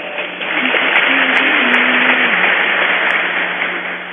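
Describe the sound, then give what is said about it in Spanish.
Steady, dense applause from a crowd that fills about four seconds with a continuous hiss of many hands clapping, swelling in quickly and holding at an even, fairly loud level. The audience at a Eucharist applauds a delegation of notaries on National Notary Day. “Nuestras felicitaciones y le damos un fuerte aplauso.”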